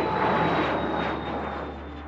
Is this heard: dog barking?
no